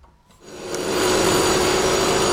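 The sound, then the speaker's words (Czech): Jackhammer noise from renovation work at the Holubova kindergarten kicks in after a brief quiet moment and holds steady: a loud, harsh, continuous rattling grind with a low droning hum underneath. No one speaks. “Zatímco v mateřské škole Holubova dělají rámu ze zbíječky, na faře je slyšet dětský smích.”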